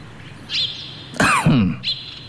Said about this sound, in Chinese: 随着魏忠贤的一声咳嗽